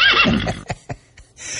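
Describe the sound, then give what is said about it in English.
A horse whinnies loudly, a quavering, high-pitched neigh that drops away within half a second, followed by a few short snorts or breaths. “Haunted horse.”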